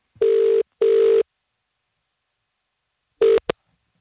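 A telephone ringback tone purrs through the line in a steady double pulse, pauses, then starts another burst that cuts off abruptly as if the call is picked up. No one speaks.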